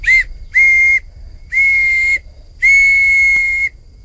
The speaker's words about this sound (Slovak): No tak toto je tá píšťalka z vrby. To bolo len na jare, keď tá vrba mala miazgu. Na tej môžem zapískať.